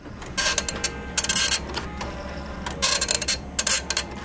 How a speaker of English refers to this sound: An old printer clacks as it produces an image from the first version of Microsoft Paint.